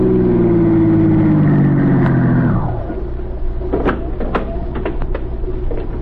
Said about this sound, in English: 4 days later, while Yvonne was on duty, the same car stopped at the curb